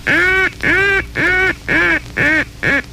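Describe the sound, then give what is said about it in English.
Six loud, evenly spaced quacks from a hunter's duck call, used to answer a lonesome hen call, each a short nasal burst with brief gaps between, steady in rhythm, with no talking. “When you hear the lonesome hen call, use this call as an answer.”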